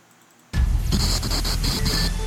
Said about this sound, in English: We interrupt this program to bring you loud static.